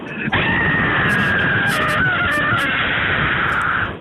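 A single sustained scream lasting several seconds, loud and steady with a high, slightly wavering pitch, sounding band-limited like a voice over a telephone line: a caller screaming down the phone to win a prize in a radio phone-in contest. No one talks during it.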